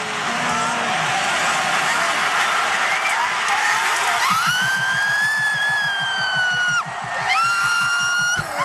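A man screams in celebration of a football goal: a long, high, sustained yell, a brief break, then a second yell, all over a dense roar of background noise.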